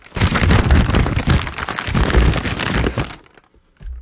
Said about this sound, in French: Je me suis mis à faire des petits sons à la maison. Et le meilleur que j'ai développé, c'est celui de l'homme qui a une feuille de papier blanche entre les mains. Le voici.